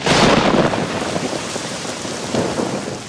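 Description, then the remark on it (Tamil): Steady, heavy rain that has damaged crops pours down in a dense, loud hiss throughout, with a low rumbling undertone suggesting thunder. No voices are heard. “ஆஹா, இந்த மழையாலையும் பயிர் பாதிச்சிருச்சே, இப்ப என்ன செய்யறது?”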